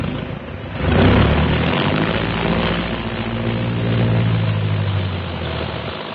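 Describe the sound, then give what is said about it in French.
An airplane's engines are started after final pre-flight checks, roaring to life in a loud rumbling surge that swells after a moment and holds steady with a low droning hum, with no voices. “Dans un fracas de tonnerre, les moteurs sont mis en marche.”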